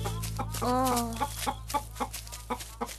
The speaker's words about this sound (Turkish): Ha? Tavuklar mı? Hadi gelin bakalım.